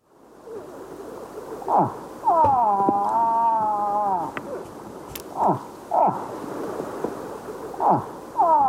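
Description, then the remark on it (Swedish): A recorder imitates a moose call: a long, wavering held tone, then several short, loud hoots that slide downward in pitch, spaced a second or two apart. “Nu har jag också spelat blåsmål. Älg.”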